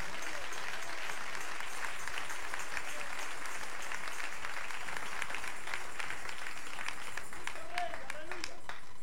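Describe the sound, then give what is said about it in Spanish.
An audience applauds for God, "the King", steadily throughout, a dense, sustained wash of many hands clapping at an even level, with a few brief higher tones surfacing near the end. “Dale ese aplauso al Rey.”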